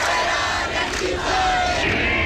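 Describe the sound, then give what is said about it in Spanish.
A housing protest crowd chants loudly and continuously on Wednesday at Las Setas in central Seville, Spain, many voices merging into a dense, steady roar with rising shouted accents and no pauses. “Sonido de la protesta este miércoles en Las Setas, en el centro de Sevilla, también en Málaga, en Huelva, en Cádiz, andaluces hartos de luchar por una vivienda”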